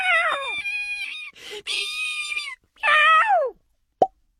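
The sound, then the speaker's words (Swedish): A single short, sharp cartoon plop pops near the end, following several whiny, wavering meow-like cries and a burst of breathy noise; in a children's story it marks a seed shutting itself back inside its nut. “Plopp! Fröet stängde in sig i nöten igen.”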